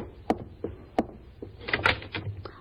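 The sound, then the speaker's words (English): A front door opens: a few sharp wooden knocks, then a rattling latch and creaky movement as the door is pulled open, fairly quiet, with no voices. “There's someone at the front door, George. Will you answer it?”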